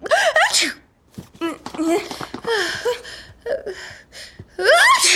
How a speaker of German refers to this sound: Gesundheit!